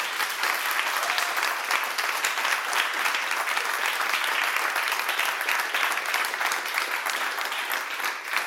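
An audience at a wine tasting evening claps steadily for several seconds, a dense, even wash of hand claps with no voices breaking through and no pause until the very end.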